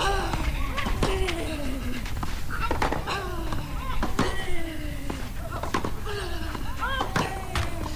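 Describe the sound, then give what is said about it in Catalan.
Sharp, dry thuds of a tennis ball being bounced and then struck for a second serve in a women's match at a tennis club in Badalona, with a little wind; several crisp impacts spaced irregularly over a steady murmur of voices. “sembla que hi ha una mica de vent aquí al Tennis Club Badalona i és important el llançament de la pilota durant el servei. Ara sí, segon servei.”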